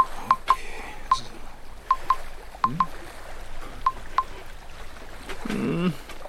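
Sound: telephone dialing and ringing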